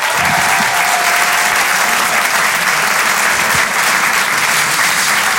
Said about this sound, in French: Faites du bruit, s'il vous plaît, et un tonnerre d'applaudissements pour Sébastien Marx.